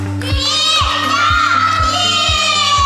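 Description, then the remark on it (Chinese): Students shout and cheer together, loud and sustained for a few seconds, with only thin, sparse clapping mixed into the noisy crowd, as the teacher asks them to clap and shout in support of a classmate after a timed challenge. “好，首先支持这名同学的，请鼓掌并大声呼喊。”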